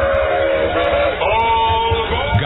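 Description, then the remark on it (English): A train whistle sound effect blows in steady sustained tones, sliding slightly in pitch, over a continuous low rumbling chug of a rolling train, loud throughout, in a WOAD radio spot for Rising Sun Missionary Baptist Church. “This is the express train for praise and inspiration. We only make two stops per hour.”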